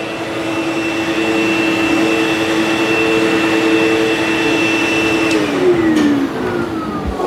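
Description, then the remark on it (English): A vacuum cleaner runs loudly and steadily at a vacuum convention, its motor whine holding a constant pitch before dropping lower near the end as it winds down. “Did you see the vacuum convention happening over there?”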